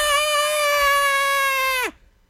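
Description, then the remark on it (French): A lynx lets out one long, loud, piercing scream, held steady on a high, harsh, almost human-sounding pitch for nearly two seconds before sliding sharply downward and cutting off. “Mais un lynx qui crie, là, c'est spécial parce que t'as l'impression que c'est comme un humain qui gueule.”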